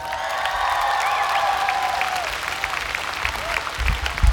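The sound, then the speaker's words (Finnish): A concert crowd in Tikkurila applauds steadily as the band's keyboard player is introduced, the clapping dense and loud, with whistles and cheers cutting through; the noise eases slightly toward the end as low thumps appear. “Ville Riippa, isot aplodit.”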